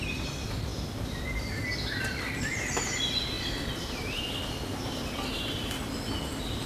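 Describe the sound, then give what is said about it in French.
Several birds chirp and twitter on and off throughout, moderately faint, over a steady low rumbling background noise as a thunderstorm arrives, with no one speaking. “Par la brève intensité de ce coup de tonnerre, au milieu des gazouillis des oiseaux, qui semblent se moquer totalement de l'arrivée de cet orage.”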